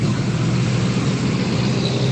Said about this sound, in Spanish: A esta hora ya se ve harto tráfico, ya está empezando a circular harto vehículos.